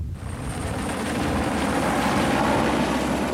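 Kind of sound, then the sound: vehicle, helicopter approaching overhead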